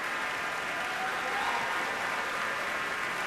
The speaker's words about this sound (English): Really, such warm applause for this pretty much brand new piece, first performed a couple of months ago in Houston and now played here in Minneapolis by the Minnesota Orchestra.